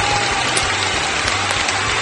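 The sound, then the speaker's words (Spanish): A crowd applauds loudly and steadily, dense clapping filling the whole moment with a low murmur of voices underneath. “¡Un gran aplauso!”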